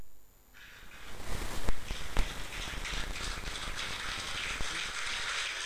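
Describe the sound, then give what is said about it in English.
A crowd bursts into sustained applause and jubilation following a speaker's statement, a dense, steady wash of clapping that swells after a quiet start, with a few sharper claps standing out, and no talking. “After that statement, you know, you can hear the applause. Well, what is and the jubilation.”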